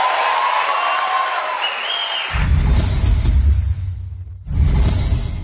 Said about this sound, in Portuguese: Obrigada, muito obrigada. Mais aplausos.